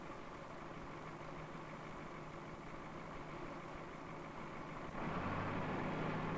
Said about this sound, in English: While waiting for the operator to return, Harry starts the machine in order to judge the problem. While he waits for the engine to warm